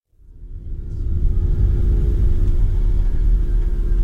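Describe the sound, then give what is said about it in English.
A car's engine rumbles steadily from inside the vehicle as it drives along a road with very few cars toward a fishing village in the Caribbean on Easter Monday, the low drone swelling in over the first second and then holding constant with faint road noise. “It's Easter Monday, and we're driving to a fishing village in the Caribbean.”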